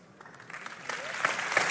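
An audience bursts into applause, the clapping starting thin and quickly swelling into a dense, steady crackle of many hands that grows louder toward the end.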